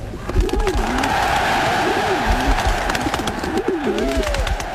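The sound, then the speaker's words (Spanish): Twenty thousand doves are released at the opening of the 1936 Berlin Olympic Games, taking off in a dense, continuous rush of flapping wings, with a few warbling coos rising above the steady fluttering din. “Veinte mil palomas fueron liberadas como símbolo de la paz”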